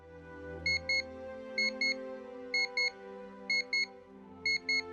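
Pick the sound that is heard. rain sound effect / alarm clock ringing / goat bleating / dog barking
alarm clock ringing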